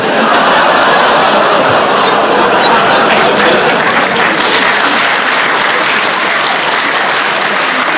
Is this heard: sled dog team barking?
no